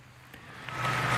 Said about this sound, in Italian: E si conclude così l'omelia di Papa Leone XIV, mentre dalla piazza si alza un applauso gioioso alle sue parole.